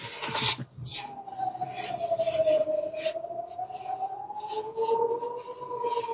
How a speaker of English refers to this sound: Can you hear that? We can hear that. These are the sirens, basically warning the Israelis that there are some rockets coming in a couple of minutes.